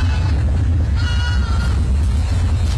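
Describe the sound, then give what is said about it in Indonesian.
Goats bleat outdoors over a steady low rumble of background noise, with one clearer wavering bleat rising near the middle; dozens of goats roaming and foraging on garbage heaps in Kalibaru, Cilincing, North Jakarta. “Petugas Suku Dinas Ketahanan Pangan Kelautan Pertanian KPKP menyoroti puluhan kambing yang berkeliaran dan mencari makan di tumpukan sampah kawasan Kalibaru Cilincing, Jakarta Utara.”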